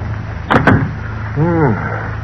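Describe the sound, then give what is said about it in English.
A door's lock, picked with a thin steel instrument, is unlatched and the door opened: two sharp clicks, then a short creaking whine as it swings, all over a steady low hum. “In a moment, the door was unlocked. All right, fingers, let's go in and watch yourself.”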